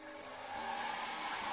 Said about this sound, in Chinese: 冰冰拿起吹风机当枪用，对着电视比比画画。忽然，冰冰不小心碰到了吹风机的开关，吹风机呼呼地响了起来。